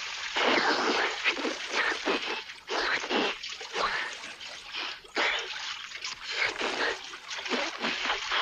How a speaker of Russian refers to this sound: Под ними проносится широкое шоссе, деревья и бассейн. Падают в воду.